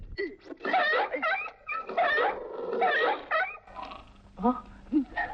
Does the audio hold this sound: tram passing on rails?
no